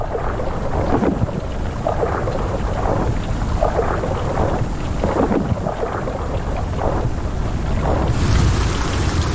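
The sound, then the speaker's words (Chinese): A thunderstorm rages with heavy rain pouring down and deep thunder rumbling throughout, a dense, loud and steady wash of storm noise with no voices. “大部分动物都在暴风雨中躲了起来。”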